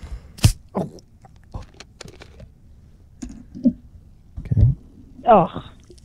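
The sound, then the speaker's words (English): A sharp crack of an L&P fizzy soft drink being opened, followed by scattered crackling and clicking as the soda fizzes, then a short gurgling pour near the end. “See if you can figure out what drink I'm pouring you.”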